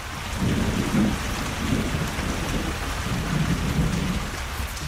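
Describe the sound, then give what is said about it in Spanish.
Steady heavy rain hisses throughout while deep rolls of thunder rumble in the background, swelling in a few low waves before fading back under the downpour. No voices. “Los indios, asustados por la tempestad desatada, huyeron a los montes, pero la india madre no huyó.”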